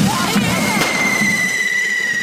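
Firecrackers explode in a busy street during a fire-run on the island: two sharp cracks early on, followed by a long, steady high whistle, over a constant murmur of crowd noise.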